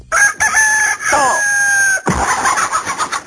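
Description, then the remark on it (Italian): A rooster lets out a loud crow, a sustained harmonic call lasting about two seconds, which abruptly gives way to a harsh burst of rumbling, crackling noise. “La devi smettere di rompermi le scatole tutte le mattine all'alba. Ti avevo avvisato. Gallo avvisato, mezzo accoppato.”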